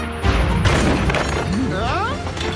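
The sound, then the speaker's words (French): A loud, sudden crash of thunder from a strong thunderstorm bursts in and keeps rumbling low and heavy, with a voice rising and falling in pitch over the roar. “Non, cet orage est un peu fort, mais ce n'est qu'un orage.”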